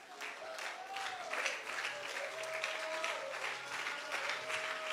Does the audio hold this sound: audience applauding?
yes